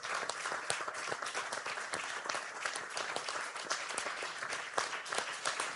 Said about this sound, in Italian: Lo ha fatto in maniera egregia e credo, se posso permettermi, che da questo convegno di oggi debba partire un applauso nei confronti di Tajani per il lavoro che ha svolto.